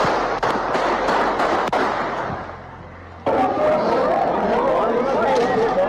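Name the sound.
gunshots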